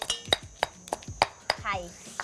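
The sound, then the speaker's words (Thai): A pestle pounds curry paste for hor mok in a mortar in the Ban Sai Thong community, about eight sharp, knocking thuds in a steady, slightly uneven rhythm, with a faint clinking ring on some strikes and soft voices underneath. “ระหว่างที่มะตำตัวพริกแกงนะคะ”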